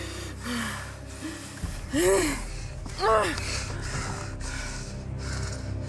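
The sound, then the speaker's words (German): Heavy, ragged gasping breaths, several sharp intakes with rising pitch around the middle, loud against a low rumbling background, no talking. “Ich war damit beschäftigt zu atmen.”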